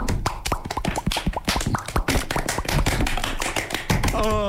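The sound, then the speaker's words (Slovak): Rapid, dense tapping of fingers and hands on the body mimics falling rain, a busy patter of crisp slaps with no talking, ending on a short musical tone. “Pomocou prstov, pomocou zvukov, pomocou svojho tela. Tak to sa pripravím. No. Takže, prší, hej. Alebo najprv len jedna kvapka.”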